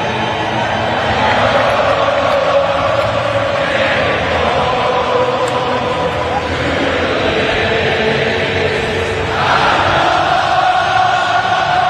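A huge stadium crowd sings together at the end of a U.S. game after the U.S. beat Australia, a loud, sustained roar of massed voices, swelling in waves and rising again near the end, with no single voice standing out.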